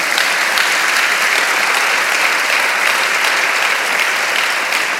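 A church audience claps for the Lord during a sermon, steadily for several seconds, a dense, sustained wash of applause at an even loudness with no pauses and no talking over it.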